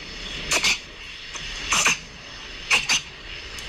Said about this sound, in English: Running around freaking us out at 1 o'clock in the morning, but so far so good. And obviously we'll have to go and play that to the vet as well so that they can tell us, you know, but apparently it's reverse sneezing.